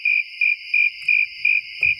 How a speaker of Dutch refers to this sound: Alleen maar krekels.